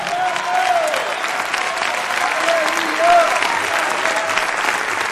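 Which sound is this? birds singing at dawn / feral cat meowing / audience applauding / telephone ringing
audience applauding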